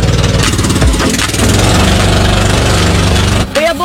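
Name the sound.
boat engine running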